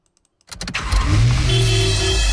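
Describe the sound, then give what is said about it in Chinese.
A few faint clicks, then a car engine abruptly roars to life and keeps up a loud, steady rumble, like the busy traffic of a city. No voices. “城市熙攘，车流不息”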